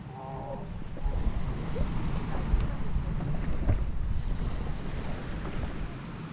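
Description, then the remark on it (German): A boat moves across open water with a steady, rumbling low-end roar, broken by buffeting wind on the microphone, taking a worker back home after the workday. A short harmonic tone sounds at the start, then the engine and water noise hold constant throughout. “Nach Feierabend geht es mit dem Boot zurück nach Hause.”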